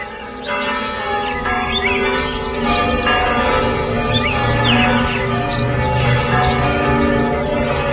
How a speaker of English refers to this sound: Tens of thousands of church bells, which hadn't been rung in 2 years, all ringing at once across an entire country.